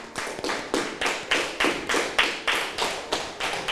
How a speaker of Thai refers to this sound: ปรบมือให้กับทุกกลุ่มเลยค่ะ